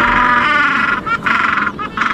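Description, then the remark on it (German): A southeastern gentoo penguin, a newly described species from the remote Kerguelen Islands, brays loudly, a harsh, nasal, donkey-like call broken into rapid pulsing bursts with a few short gaps, repeated throughout with no one speaking. “auf den abgelegenen Kerguelen-Inseln nämlich eine neue Eselpinguinart entdeckt, den südöstlichen Eselpinguin. Der Name, der klingt ja schon ein bisschen wild, aber der kommt davon, wie diese Pinguinarten so klingen.”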